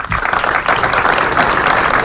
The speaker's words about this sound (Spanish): Alrededor de un centenar de personas se han concentrado a las 12 del mediodía ante el ayuntamiento para mostrar su solidaridad con las familias y los vecinos afectados. El minuto de silencio acabó con un gran aplauso.